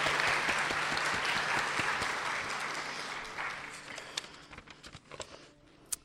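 An audience applauds with dense, steady clapping that gradually thins out and fades, leaving a few scattered individual claps at the end.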